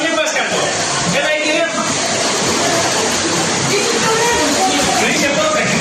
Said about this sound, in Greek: Το νερό μπαίνει μέσα στο ξενοδοχείο και παρασύρει τα πάντα.